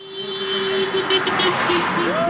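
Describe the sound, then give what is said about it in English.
Cars honk on a main road in Allentown, Pennsylvania, as people gather waving signs protesting the GOP-controlled Congress: a car horn blares in a long steady tone, followed by shorter honks, over the busy hum of passing traffic and crowd noise outdoors. “Cars honk as people gather along a main road in Allentown, waving signs protesting the GOP-controlled Congress.”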